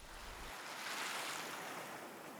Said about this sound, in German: In den Muscheln ist das Rauschen des Meeres zu hören.